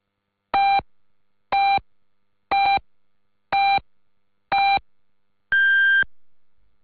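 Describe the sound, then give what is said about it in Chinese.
Five short, evenly spaced electronic beeps sound one second apart, followed by a longer, higher-pitched final tone, clear and loud against silence: the hourly time signal marking 14:00 Beijing time on China National Radio's Voice of China. “北京时间14点整。”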